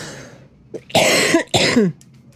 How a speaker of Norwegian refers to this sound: Unnskyld mig, men jeg hostar lite også.